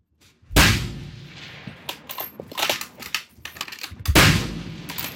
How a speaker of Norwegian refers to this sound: Caroline Finnestad Lund skyter flere tusen skudd I uka.